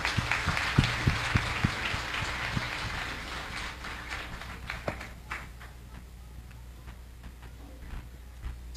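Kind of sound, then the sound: crowd, round of applause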